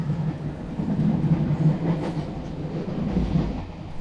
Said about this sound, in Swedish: Och jag sätter mig på tåget till Stockholm för att ta reda på mer.